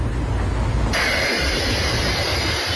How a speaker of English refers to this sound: That honking, that's Ron Caruso trying to warn a cement truck driver about the mess it was making in Lakewood.